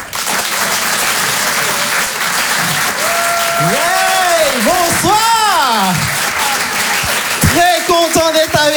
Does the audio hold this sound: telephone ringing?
no